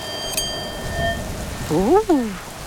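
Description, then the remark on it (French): Steady rain hisses and patters throughout, with a faint high tone early on. Near the end a voice gives a short rising-then-falling whoosh that imitates gusting wind. “On n'entend plus que le bruit de la pluie et du vent.”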